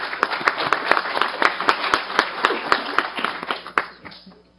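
A crowd applauds with steady, dense clapping that holds for several seconds before thinning out near the end.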